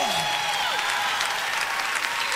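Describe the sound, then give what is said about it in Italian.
A crowd claps in thick, steady applause for the King that holds at an even, loud level throughout, with a few faint rising and falling tones, like whistles or cheers, threaded through it. “Oh, un applauso forte al Re.”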